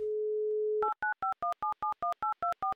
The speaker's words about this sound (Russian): Ну вот мы и набрали ее номер, осталось дождаться заветных гудков.